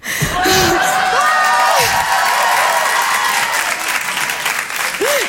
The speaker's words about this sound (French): C'est un tout petit peu vexant, vos applaudissements.